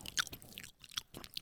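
Wet, smacking chewing of canned tuna, a quick irregular run of soft mouth noises with a few sharper crisp bursts, fairly quiet and with no talking.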